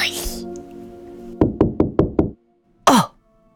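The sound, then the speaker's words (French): Five firm, evenly spaced knocks on a door, loud, in a quick steady rhythm, with brief voice sounds just before and after. “C'est le sommeil qui frappe à la porte.”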